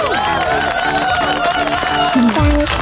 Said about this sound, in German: Oh, das ist ein richtig, richtig toller Erfolg. Das hier ist dein Applaus.